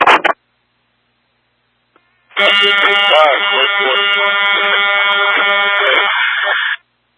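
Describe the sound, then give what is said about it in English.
A loud alarm blares steadily for about four and a half seconds, a harsh, buzzy tone with a dense stack of overtones, preceded by a short burst of sound and a pause. “Couldn't hear you over the alarm.”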